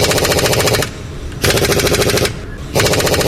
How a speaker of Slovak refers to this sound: Inak je to pneumatické utiahovanie matic na kolesách.